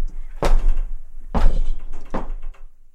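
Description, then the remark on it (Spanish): A heavy door of Park Abbey swings shut with a loud, resonant thud, followed by two more knocking impacts about a second apart, each ringing out briefly. “Apenas cruzamos su puerta, el mundo baja el volumen.”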